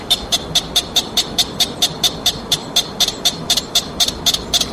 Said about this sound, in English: This has gone viral on video. Sounds like a very disturbed bird of some kind. It's a bird. It's called a pika. P-I-K-A. Or pika. Pikas use short, single squeaks to as alarm calls or signal nearby individuals